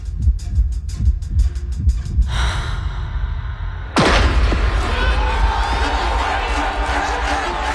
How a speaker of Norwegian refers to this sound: Hun stilte seg i posisjon og ventet nå på startskuddet.